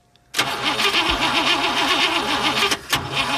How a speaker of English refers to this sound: We've all experienced it at one time or another. We turn the key and our car just doesn't want to start. There are a lot of reasons that our usually reliable vehicle decides to break down.